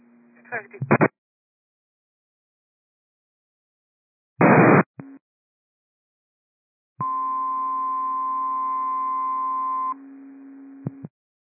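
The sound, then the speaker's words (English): McLean Fire dispatch cancellation tones over a radio: after two brief bursts of static, a loud steady two-pitch tone holds for about three seconds, then a lower tone lingers a moment. “McLean Fire, these are cancellation tones.”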